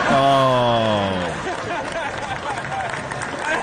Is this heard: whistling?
no